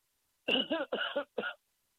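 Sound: cough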